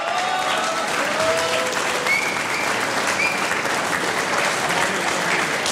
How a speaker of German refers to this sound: Das ist ein Applaus und der Applaus für die Tanzl-Musi.